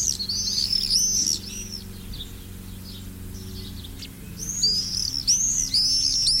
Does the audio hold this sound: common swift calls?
yes